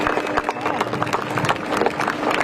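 A crowd across the harbour quarter claps steadily and densely throughout as the galeas Demelia is launched, the applause sustained at an even level with voices murmuring in the background.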